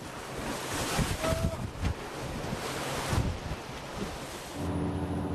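Loud, churning sea with waves crashing and spraying against a fishing boat rocked by strong wind as it sails over swells, while the wind roars across the microphone, gusting in surges with no voices present.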